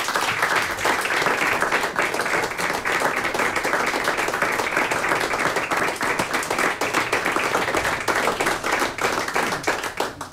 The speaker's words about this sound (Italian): E alla direttrice d'orchestra Mojce Laurenčič. Un altro grande applauso ci sta? Sì.